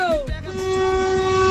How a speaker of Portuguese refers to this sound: Vamos começar o nosso buzinaço.